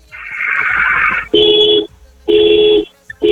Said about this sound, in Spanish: Regálame, por favor, 5 bocinazos medianos ahora.